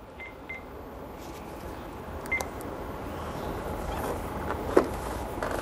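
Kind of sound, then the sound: signal or alarm, telephone being dialed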